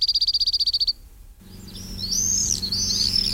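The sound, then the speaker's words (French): A cirl bunting delivers a dry, rapid trill of about a dozen identical notes lasting under a second, followed by a short pause and then other high, sweeping bird calls over a low background hum. “Il n'est pas forcément très très fréquent, mais on entend assez régulièrement son chant, facile à reconnaître, ce trille.”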